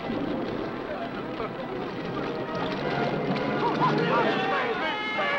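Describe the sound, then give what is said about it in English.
A boat surges through water with a steady, rushing wash that grows slightly louder toward the end, while indistinct voices murmur faintly underneath. “I demand that you make your boat stop.”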